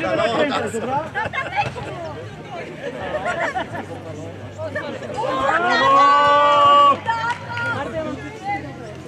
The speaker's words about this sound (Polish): Gdzie są kibice? Zróbcie hałas! No, to jest!